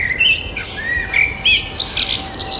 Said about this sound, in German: Ja, ja. Im Mai, da ist richtig was los in der Vogelwelt. Fast alle Zugvögel sind zurück und die Vögel brüten auch schon. Und bei der Frage, welche Vögel da so um die Wette zirpen und zwitschern